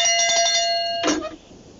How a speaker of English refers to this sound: I'm going to ring the bell, okay? Because that was okay. A biggie.